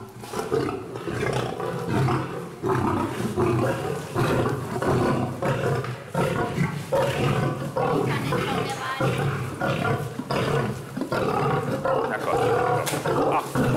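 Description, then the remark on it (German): Big cats, a tiger and a male lion, roar and growl loudly and almost continuously at feeding time as a keeper throws them meat, deep rumbling calls overlapping one after another, with some voices present underneath. “Sita tigert schon ganz aufgeregt herum, muss aber warten, bis Alex dem Löwenmännchen seine Portion vorgeworfen hat.”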